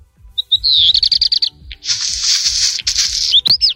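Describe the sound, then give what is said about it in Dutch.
A songbird sings, mixing clear whistled notes and a quick series of repeated chirps with a long, harsh, crackling rattle, as if pebbles were shaken in a bag. “Amai, wat is dat? Precies een beetje kapot, zo met een zak met, steentjes. Wat is dat bijgeluid zo? Dat is zo'n knisperend geluid dat hij maakt.”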